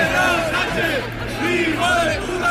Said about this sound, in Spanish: Cerramos recorrido en Madrid. En la Comunidad de Madrid, en el desfile del 12 de octubre, han vuelto a escucharse gritos e insultos al presidente del gobierno.